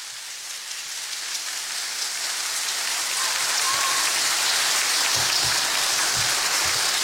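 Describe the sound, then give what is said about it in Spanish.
A crowd applauds a contestant who has stepped forward, a dense crackle of many hands clapping that swells gradually and holds loud for several seconds, with no voices heard over it. “Su aplauso para el Yankee.”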